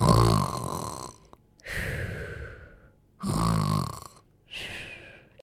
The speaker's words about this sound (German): Tarbaros trinkt einen Schluck und fällt sofort um und schnarcht.